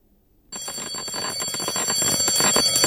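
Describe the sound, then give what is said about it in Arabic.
After a moment of silence, a loud electric bell bursts into continuous rapid ringing, a harsh metallic clatter that holds steady and grows slightly louder to the end, with no voices. “لكن طنينه هذه المرة ينذر بالخطر. دق ناقوس الخطر فعلا.”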